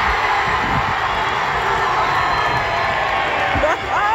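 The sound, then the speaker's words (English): Several hundred people at a Friday afternoon watch party at Eau Claire Plaza cheer on Team Canada, shouting continuously, a dense, loud roar of many voices with scattered whoops rising above it, steady throughout. “Several hundred people showing up on a Friday afternoon at Eau Claire Plaza weren't disappointed with the vantage point to cheer on Team Canada.”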